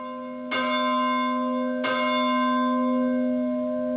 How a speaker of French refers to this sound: Et notre prière se poursuit, vous entendez les cloches de l'Angélus.